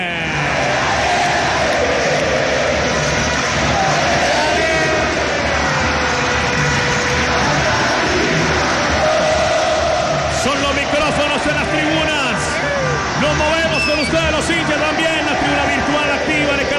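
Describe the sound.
A loud, unbroken roar of Deportivo Cali football fans filling a stadium during a match, with massed voices chanting and singing in wavering tones throughout, the noise swelling slightly toward the end.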